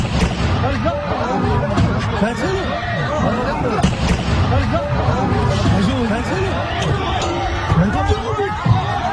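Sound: gunfire exchange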